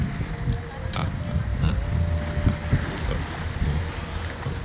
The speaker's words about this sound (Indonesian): Pemandangannya angin indah ya. Bertiup sepoi-sepoi ya.